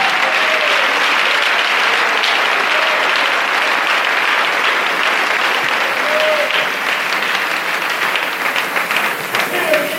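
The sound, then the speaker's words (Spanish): An audience applauds God steadily one morning for about ten seconds, a dense, sustained wash of many hands clapping at even loudness, with a few faint voices calling out underneath. “Denle ese aplauso al Rey en esta hermosa mañana.”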